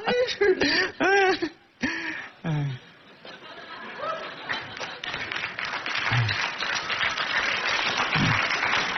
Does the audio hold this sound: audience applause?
yes